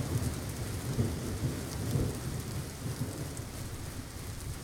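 A rain and thunder sound effect in a song: steady, dense rainfall hisses throughout while deep thunder rumbles and rolls underneath, swelling slightly in places. It's a continuous, fairly soft storm effect with no voices.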